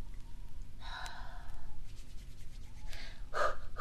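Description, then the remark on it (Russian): Two soft, breathy puffs of air as someone blows on their cold hands to warm them, the second one slightly stronger, against a quiet, low background rumble. “Ты чё пыхтишь? Да я не пыхтю, я руки грею.”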